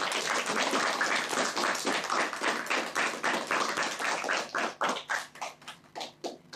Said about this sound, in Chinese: 好，我们首先掌声欢迎珠海文化推荐官。